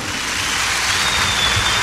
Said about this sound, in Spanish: ¡Eso es! ¡Aplauso!